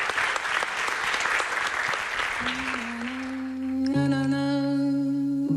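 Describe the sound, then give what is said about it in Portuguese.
An audience bursts into dense, steady applause for a couple of seconds, then the clapping thins out as sustained, bright musical tones rise and take over. “Pois moitas grazas, un aplauso moi grande e ides levar calendario ás dúas, como non pode ser.”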